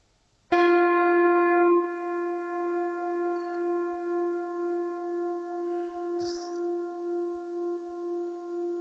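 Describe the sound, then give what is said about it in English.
A single harmonically tuned bell is struck once, sharply, then rings on in a rich, steady chord of harmonic tones with a gentle pulsing shimmer as it slowly sustains, heard over a mobile phone connection. “So this is, first of all, ring a harmonic bell, the world's most beautifully tuned bell.”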